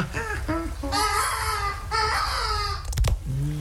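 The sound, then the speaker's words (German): A human voice mimics a seagull call: a few short, lower yelps, then two long, shrill, wailing squawks, ending with a brief sharp crack and a low hum. “Soll ich ihn nochmal aufwecken? So auf Möwenart? So von oben?”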